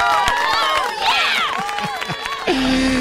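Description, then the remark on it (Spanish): An audience applauds and cheers for don Jaimito, with rising whoops and whistle-like cries over scattered clapping for about two and a half seconds before it cuts to a steady tone. “Vamos a darle unos aplausos a don Jaimito.”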